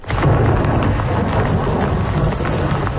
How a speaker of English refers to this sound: The island of Montreal is reeling with the effects of an overnight thunderstorm.